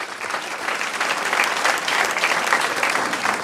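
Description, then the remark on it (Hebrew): An audience at a presentation about changes to a building claps steadily for a few seconds for a man introduced as leading the building's renovation project, a dense, even wash of many hands with no voices standing out. “כן, כן, מותר למחוא כפיים.”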